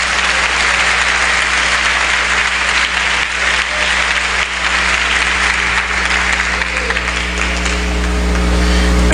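Loud, sustained applause from a large gathered crowd, dense and steady for several seconds with a low constant hum underneath, no voices standing out.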